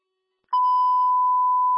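After a brief silence, a dispatch radio alert tone starts abruptly: one loud, steady electronic beep held without a break to the end, with no talking.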